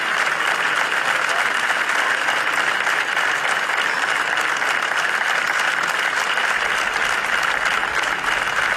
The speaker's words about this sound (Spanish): És el so dels aplaudiments que han seguit el minut de silenci que s'ha fet avui al migdia a les portes de l'Ajuntament de Tarragona en senyal de dol per la mort dels tres menors que divendres es banyaven a la platja de la Rabassada.